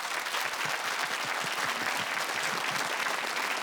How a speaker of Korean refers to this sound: 네, 오늘은 국악계 꿈나무 만나보는 시간이죠. 네. 어떤 신동이 찾아왔을지 정말 궁금한데요. 여러분의 큰 박수로 맞아주시죠.